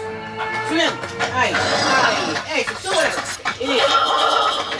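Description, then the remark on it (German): A radio play sound effect: several horses neigh and whinny in a dense, busy mix, with overlapping calls and a clattering background, as if a group is being pushed uphill; voices are also present. “Die Pferde hoch, zieh sie hoch.”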